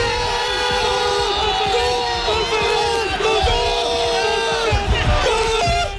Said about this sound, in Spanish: lo que vemos en las gráficas es el movimiento de aceleración del suelo producido no por una falla tectónica, sino por miles de personas saltando y gritando a la vez.